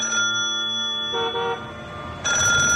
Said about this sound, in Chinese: 地下室里，电话骤然响了起来，正在监听的老虎被吓得哆嗦一下。